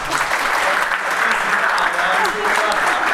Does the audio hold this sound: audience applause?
yes